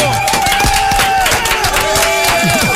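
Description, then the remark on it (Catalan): A crowd applauds steadily for a few seconds, a dense wash of many hands clapping at once, with a few cheering voices rising over it. “Fem un bon aplaudiment. Bravo!”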